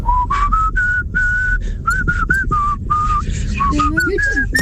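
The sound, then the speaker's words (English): Someone whistles a melody, with clear bright notes stepping up and down in a steady tune of short and held tones over a low background hum. “Okay, oh, yeah, I'll practice that for the next Fla, because I could do the whistling and you could do the brush dance alongside.”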